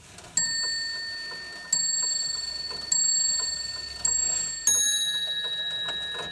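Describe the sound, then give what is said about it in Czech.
An antique repeater clock from a historic collection, sounded by pulling a cord hanging from it, strikes five clear, ringing bell tones, evenly spaced except for the last two coming closer together, each fading away over a soft background hiss. “z každých hodinek vlastně visela taková elegantní šňůrka a po jejím zatažení tak to sdělilo vlastně”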